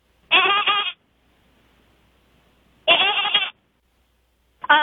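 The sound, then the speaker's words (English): A person imitates a goat with three loud, wavering bleats, each about half a second long, separated by short pauses, the last one cut off at the end. “I can sound like a goat.”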